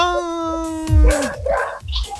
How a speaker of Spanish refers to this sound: Mira, mira, mira cómo ladran los perros, mira.